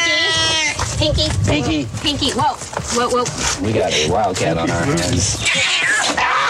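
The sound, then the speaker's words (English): Pinky, a male domestic shorthair rescue cat from Placer County Animal Shelter, yowls and growls angrily, its loud wavering cries rising and falling almost continuously while people talk over it. “He's a male cat, domestic short hair.”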